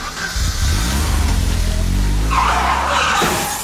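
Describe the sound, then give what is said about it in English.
A car engine revs up loudly, then tires screech in a harsh skid near the end, with no one talking. “Let's get in the car and get us some lattes before we head back to work.”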